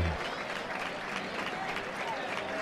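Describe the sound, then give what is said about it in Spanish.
A large crowd in a bullring applauds the bullfighter as he passes in front, dense clapping spread wide with a murmur of voices underneath, sustained and fairly loud throughout. “Pasa el torero por delante nuestra. Todos los respetos, hay que ponerse de pie. Y un aplauso para él, porque vamos.”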